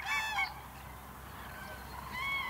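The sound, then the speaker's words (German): Common cranes call with loud, harsh trumpeting notes, one burst at the start and another at the end, separated by a quieter stretch of faint background noise. “So funktioniert Beziehungsarbeit bei Kranichen und die Vögel bereiten sich aufs Brüten vor.”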